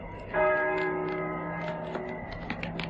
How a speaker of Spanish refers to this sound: ¿Oyes? Las campanas doblan. La oración ha sonado en San Juan del Duero.